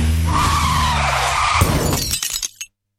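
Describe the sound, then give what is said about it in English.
A car's sustained, high tire squeal with a low engine rumble for about a second and a half, then a sudden crash as the car hits a pedestrian, with scattered clattering and shattering that quickly dies away to silence. “So she hit a pedestrian.”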